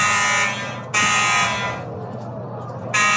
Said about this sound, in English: That is not just on the broadcast. That is... That's up here in the press box. It's with us. The fire alarm. We're not running for cover, so...